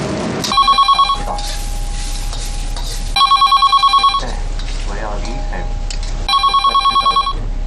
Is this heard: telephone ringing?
yes